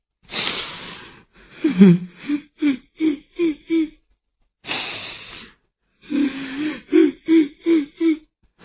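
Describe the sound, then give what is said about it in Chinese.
A voice imitates someone crying: a breathy wail followed by a run of short, rhythmic sobbing whimpers, heard twice, close and fairly loud, with no talking. “可他这话刚说完，就忽然听见有哭声。”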